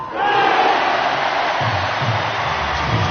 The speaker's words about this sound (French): À partir de ce top, 7 minutes de brouhaha intense, de cris, de bras balancés dans le rythme du crawl pour emmener les Bleus vers la première médaille de la semaine.